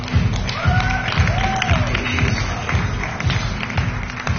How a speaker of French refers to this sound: Merci de les applaudir.